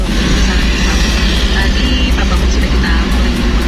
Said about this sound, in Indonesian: informasi soal lalu lintas ternyata untuk daerah Mondoroko mengarah ke Karanglo, lalu lintas lancar, cuacanya panas.